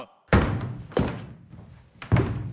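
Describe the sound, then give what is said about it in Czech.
Three heavy wooden thumps strike a floor at uneven intervals, each a loud, booming knock that rings briefly before fading, with no voices. “Tu chvíli se ozvaly rány, jako by někdo bušil dřevěnou palicí do podlahy.”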